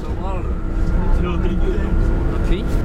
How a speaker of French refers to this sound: Bon, alors là, nous quittons le lycée Bonnefond, on est dans le bus et on part pour Vieille-Brioude voir un couple de maraîchers.